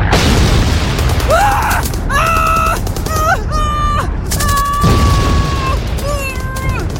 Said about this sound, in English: I felt the blast like being kicked by a horse. I was thrown 25 feet, slamming my body into sandbags around the mortar pit.